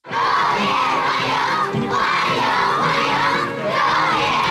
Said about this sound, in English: A crowd of school children cheer as Vladimir Putin arrives at the Great Hall of the People.